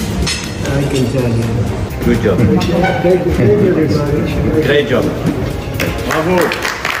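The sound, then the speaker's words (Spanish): Clapping mixed with a dense crowd of overlapping voices, steady and loud throughout, with excited calls and chatter rising over the scattered claps, at the Palace of Versailles as Donald Trump signs a memorandum before a dinner hosted by Emmanuel Macron, who calls out "good job, great job, bravo". “Buen trabajo, gran trabajo, bravo, entonaba entre aplausos un entusiasta Macron sentado ahí, a su lado, en el papel de anfitrión.”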